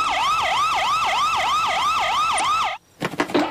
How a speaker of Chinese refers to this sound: 只要按下这个按钮，就能打开警笛。你知道警笛吗？呜呜呜！我来示范，就像这样。